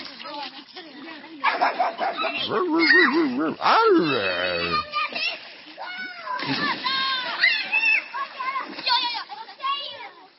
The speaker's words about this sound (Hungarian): Itt csobog és ugat a Tilos Rádió.